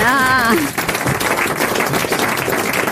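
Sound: studio applause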